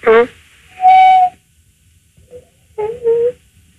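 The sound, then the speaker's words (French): A parrot whistles in a few separate bursts: a quick descending call, then a steady mid-pitched tone, a faint short chirp, and two final whistled notes, each fairly loud, with quiet gaps between. “C'est un perroquet, hein.”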